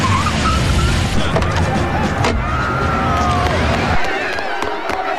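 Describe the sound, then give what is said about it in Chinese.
An off-road vehicle roars in loud, tires squealing as it skids, then the engine rumble suddenly cuts off as it stops, arriving quickly on a road where police cars surround a city bus. A faint crowd murmur sits in the background. “驾车快速赶到。”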